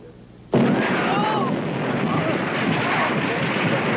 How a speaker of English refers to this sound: What's going on here? What is this? Explosion, Captain!